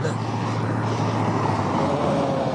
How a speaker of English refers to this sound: Truck. See the truck?